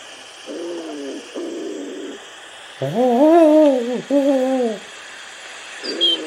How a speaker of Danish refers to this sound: Og når den kalder, så lyder det sådan her. Det er også en ringduo.